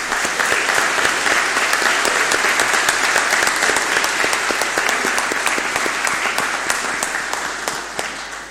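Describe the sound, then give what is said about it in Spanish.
A large audience at a Sunday church celebration on Father's Day and the feast of Saint Louis breaks into sustained applause for the fathers present, dense overlapping claps at steady loudness for several seconds before beginning to taper slightly at the end. “Un aplauso a todos los papás que están acá presentes.”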